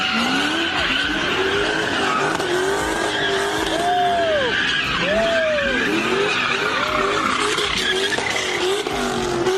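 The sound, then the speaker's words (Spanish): A group of young people spinning cars in street donuts on pavement, tires skidding and squealing in long rising and falling arcs over a steady engine roar, loud, with crowd noise in the background. “Así fue como un grupo de jovencitos se burló de este policía que intentó ponerle un alto a las donitas callejeras.”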